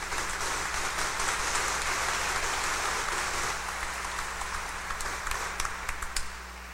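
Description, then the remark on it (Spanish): A crowd bursts into steady applause for birthday celebrants, dense rapid clapping that stays strong for several seconds, then thins out toward the end with a few scattered individual claps. “Les damos a los cumpleañeros un fuerte aplauso de felicitación.”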